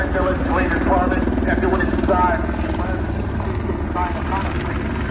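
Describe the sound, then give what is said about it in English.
A police helicopter drones steadily overhead with a thumping rotor pulse, while a distorted, unintelligible loudspeaker announcement from the helicopter blares over it throughout. “if you're going to go with making announcements from the chopper, You have to have a better system”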